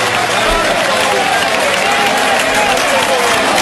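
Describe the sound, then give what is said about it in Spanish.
The whole crowd of the Plaza de Toros bullring in Albacete gives a sustained, roaring ovation, dense clapping and cheering voices blending into one loud, continuous wash of sound from start to finish. “Una ovación de toda la plaza, mira.”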